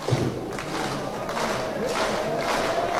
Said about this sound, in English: Fans clapping for strike three, the 1-2.